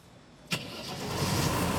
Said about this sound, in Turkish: İşte böyle. Hayata döndü. Bu aldığım en güzel haber. Bu sabah o motor sesini duymayı beklemiyordum.